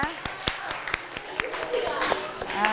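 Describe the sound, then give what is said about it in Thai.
Students in a class clap in a quick, somewhat irregular rhythm of sharp hand claps, with voices chattering and calling out underneath, applauding as the teacher announces that group 2 has won the scoring game. “ปรบมือนะคะดังนั้นเนี่ยตอนนี้นะคะกลุ่มที่ชนะก็คือเป็นกลุ่มที่2นั่นเองนะคะ”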